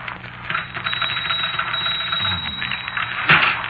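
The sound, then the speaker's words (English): A typewriter clatters away by itself in a rapid, continuous burst of mechanical key strikes, fairly loud and close, with one sharper clack near the end and no voices. “That typewriter's haunted.”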